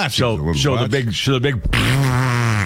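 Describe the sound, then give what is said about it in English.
A loud, buzzy fart sound effect played in a public toilet stall sputters through several short, wobbling bursts, then stretches into one long, steady droning blat. “Play the elephant to fart, by the way.”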